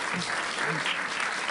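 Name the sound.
audience applause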